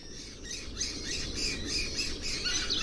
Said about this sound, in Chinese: 时光流转，春天悄然而至。一群叽叽喳喳的黄爪隼引起了金雕的好奇。